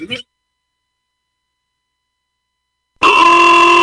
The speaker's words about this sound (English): Why do I hear honking? What's the celebration?